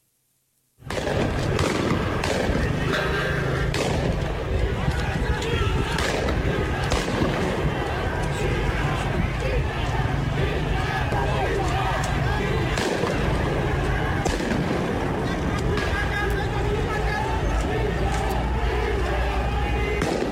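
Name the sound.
gunfire by security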